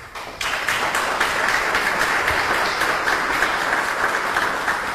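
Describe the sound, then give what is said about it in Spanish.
A crowd breaks into sustained, steady applause in honour of a woman, many hands clapping together at an even loudness for several seconds with no voices over it. “Pero hablar ya de partituras es hablar de un legado, de historias, de ahí quiero pedir un fuerte aplauso para usted,”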